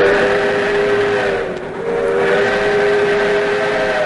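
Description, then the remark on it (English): A loud, sustained whistle of the Skunk Train blows steadily over the low rumble of the rolling train, dipping briefly in the middle before sounding again, with no voices. “A train ride to watch world-class acrobats and aerialists perform amongst towering redwoods at Crowley Meadow.”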